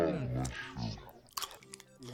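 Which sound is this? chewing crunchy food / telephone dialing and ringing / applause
chewing crunchy food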